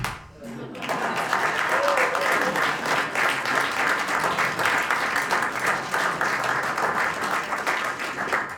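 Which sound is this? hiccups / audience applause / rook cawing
audience applause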